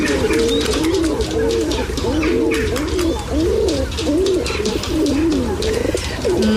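Pigeons coo steadily in a city setting, their low, rolling calls repeating in overlapping waves over a constant background hum of traffic and street noise.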